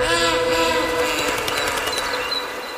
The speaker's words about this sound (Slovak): Vlak odišiel.